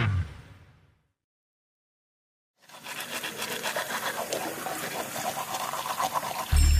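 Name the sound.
water running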